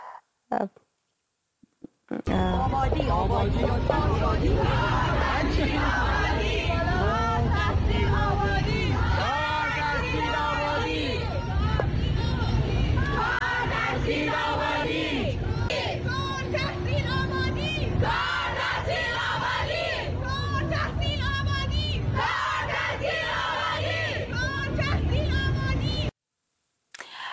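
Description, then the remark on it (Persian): A large crowd of protesters at a demonstration chants and shouts together in loud, rhythmic waves, voices overlapping in a dense roar that holds steady for about twenty-four seconds before cutting off. “این تظاهرات یک روز پس از راهپیمایی زنان و مردان در جبرئیل هرات برگزار شد که با تیراندازی خونین طالبان سرکوب گردیدن.”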